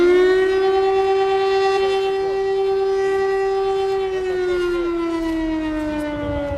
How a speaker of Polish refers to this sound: Przerywa mu alarm przeciwlotniczy.